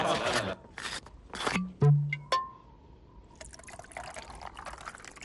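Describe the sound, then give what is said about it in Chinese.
Water is poured into cups for guests in short bursts, with light clinks and a brief ringing tone, while people talk in the background, at a garrison farm on Chinese New Year's Eve. “哎，大家都跑了一天了啊，坐下歇歇，我去给大家倒水。”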